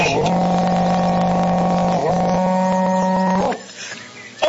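A berrante cattle horn is blown in two long, loud, steady low blasts, the second rising slightly before it cuts off, followed by a short stretch of faint background noise.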